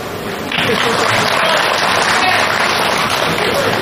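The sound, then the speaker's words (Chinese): Dense, steady applause from an audience swells in after a brief moment and holds loud and even, a continuous wash of many hands clapping with no talk. The audience claps during an on-stage guessing game to confirm a correct guess. “一会儿我找对了一个，麻烦您各位伸出您宝贵的双手， 干嘛呀？ 为我鼓一鼓掌，就证明我找对了。”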